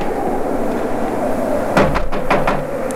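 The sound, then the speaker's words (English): Four quick, fairly loud knocks rap on a wooden cabin door at 3 in the morning, in a brief uneven burst against a quiet, steady hum. “I'll knock.”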